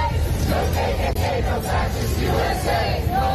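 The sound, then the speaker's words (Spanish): A crowd of about 200 people protesting the presence of ICE chants "Ni KKK, ni fascistas, ni ICE" in unison, voices rising and falling in a steady rhythmic cadence. The loud, dense roar of many people continues without a break. “Ni KKK, ni fascistas, ni ICE se escucha gritar mientras en las pancartas se exige dejen de ejecutar a miembros de la comunidad.”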